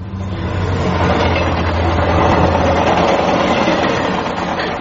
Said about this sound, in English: Crikey, that's loud. Those trains would be frequent. Oh, yes, day and night. This is a main line.